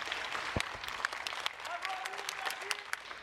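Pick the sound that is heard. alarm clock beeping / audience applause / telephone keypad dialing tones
audience applause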